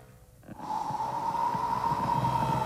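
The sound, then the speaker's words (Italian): A person imitates a long, steady blowing breath, representing the breath of God: a sustained airy rush with a faint whistling tone, starting after a short quiet moment and holding evenly. “Il respiro di Dio.”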